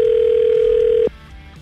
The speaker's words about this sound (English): We've dialed the number now. We're just waiting for her to pick up.